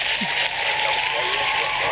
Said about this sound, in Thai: ปรบมือให้หน่อยเนาะอ่ะบันเทิงหน่อยบันเทิงหน่อย